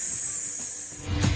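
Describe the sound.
A person makes a sustained breathy hissing sound, imitating a snake singing, steady for over a second before a brief lower-pitched breathy push at the end.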